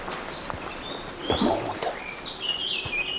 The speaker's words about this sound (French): le monde des oiseaux vous accueille.